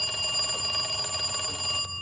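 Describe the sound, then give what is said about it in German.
A telephone rings with a steady, shrill electronic trill, fairly loud, continuing without pause for about two seconds before cutting off abruptly. “als das Telefon klingelte und ihr einen ordentlichen Schreck einjagte.”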